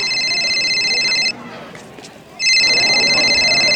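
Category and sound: signal or alarm, phone ringing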